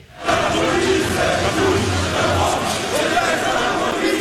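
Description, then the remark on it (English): A large crowd of demonstrators in Brussels, Belgium, roars and shouts together in a dense, sustained wall of voices, loud, yelling and chanting without pause. “Police responded with water cannons and tear gas to disperse crowds of mass demonstrators in Brussels.”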